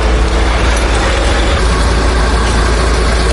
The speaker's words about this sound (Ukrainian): 4 автобуси зі звільненими з полону сьогодні заїжджають тихо, без клаксонів. У вікнах стільки радості.